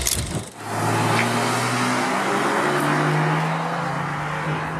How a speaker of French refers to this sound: Petite déflagration à chaque changement de rapport, t'as vu? Levé de pied. On est en mode sport, mais ça crépite très légèrement. C'est... Ouais. C'est un crépitement très british, tu vois.